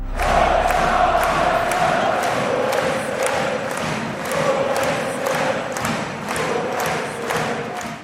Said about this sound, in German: Ja, ausgelassener Jubel und Partystimmung am Abend in der Magdeburger Getek Arena. Der SCM hat sich vorzeitig zum deutschen Handballmeister gekürt. Mit einem 31:30 Sieg im Spitzenspiel gegen Verfolger Flensburg-Handewitt.